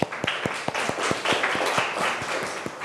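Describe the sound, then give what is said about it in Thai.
A classroom of students claps for their classmates, a steady patter of many hands with sharper individual claps standing out, lasting a few seconds at moderate loudness with no talking. “ก่อนอื่นปรบมือเพื่อนหน่อยค่ะ”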